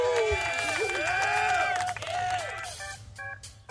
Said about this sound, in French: On a des touches qui envoient des sons. Alors, par exemple, je peux envoyer une petite musique. Ah non. Dommage. Ah. Si c'est les applaudissements.